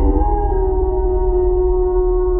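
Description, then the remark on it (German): A wolf in the Oberland howls in one long, sustained note that rises briefly at the start and then holds steady, loud, over a low background rumble. “Ein Laut aus einer anderen Zeit. Unverwechselbar. Der Wolf.”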